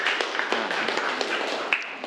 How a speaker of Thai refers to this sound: ถูกต้องนะครับปรบมือเลยครับนักเรียนนะครับ